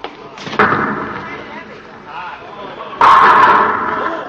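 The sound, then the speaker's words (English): A heavy thump, then a rolling rumble, and finally a loud, clattering crash of a bowling ball knocking down all the pins of a full rack, ringing out before slowly fading. “Oh, I knocked them all down.”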